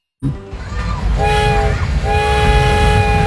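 A loud train rumbles past, its horn sounding in two long, steady blasts over the heavy rolling noise of the cars.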